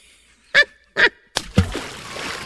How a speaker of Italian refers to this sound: Troppi spruzzi.